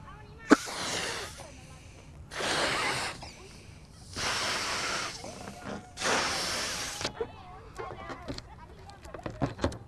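Four long, forceful breathy blows, each about a second, spaced evenly with pauses between, like someone exhaling hard into a container; close and fairly loud, followed by faint clicks and rustles.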